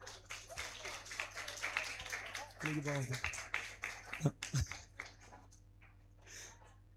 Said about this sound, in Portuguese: Agora, a mãe mais jovem. Alguma mãe de 14 anos, 15 anos? 16 anos? 17? 18? 19? 20 anos? Mãe de 21? 22? Ali, 22 anos, uma salva de palmas.